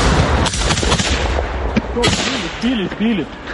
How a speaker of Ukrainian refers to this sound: У цей час у небі лунає знайоме дзищання. Неподалік FPV-дрон. Хлопці відкривають вогонь.